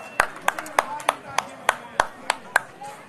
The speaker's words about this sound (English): He did win. All right, I'll give a round of applause for that.